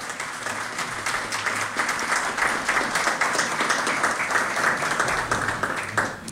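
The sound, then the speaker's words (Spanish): An audience at a solemn session of AER Tungurahua, held for the installation of its 2026-2028 board, applauds steadily in honor of Tungurahua radio broadcasting: a dense, even wash of many hands clapping that holds at a fairly loud level for about six seconds, with no one speaking over it. “Creo que este momento merece otro gran aplauso para ustedes y para la radiodifusión tungurahuense.”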